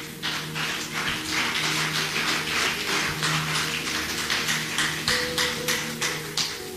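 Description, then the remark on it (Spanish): A church audience applauds for the Lord during a sermon, with dense, steady clapping that pulses in a loose rhythm for several seconds, over a low, sustained tonal hum. “¿Cuánto dan un fuerte aplauso al Señor?”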